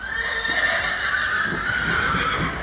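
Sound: horse neighing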